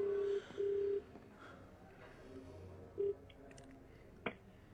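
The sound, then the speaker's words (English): A telephone ringback tone purrs through the line: two short steady beeps close together, then a pause and a brief final beep, ending with a sharp click as if the call is picked up. “It's ringing.”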